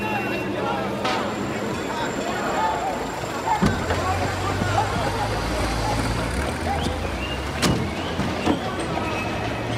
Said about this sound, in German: mach das Fenster auf und lass ein Lüftchen rein.